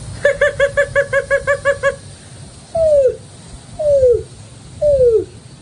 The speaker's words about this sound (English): And I'm going to do a greater roadrunner. For the last one.